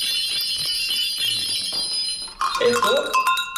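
A steady, shimmering jingle of small jingle bells (cascabeles) rings on, then gives way to louder, uneven clanking of metal cowbells (esquilas) being shaken, with bright ringing overtones that linger between strikes.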